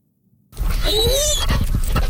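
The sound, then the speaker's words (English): After a brief silence, a dog lets out a high, wavering whimper over a rough, low growl, continuing steadily for about a second and a half with no talking, on a sunny morning dog walk at Point Pleasant Park in Halifax. “We're enjoying an absolutely spectacular sunny morning walking the dogs at Point Pleasant Park”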